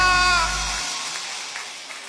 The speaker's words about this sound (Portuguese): Aplauda mais forte porque ele merece!